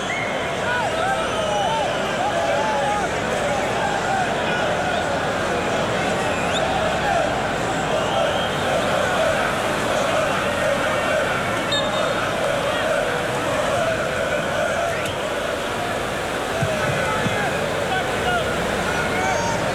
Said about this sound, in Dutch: Een licht cynische reactie van het publiek.